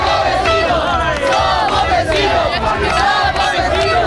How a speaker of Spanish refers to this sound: Somos en el Vecinos, lo oyen también en el Peñón, noche de celebración, aplausos y claxon.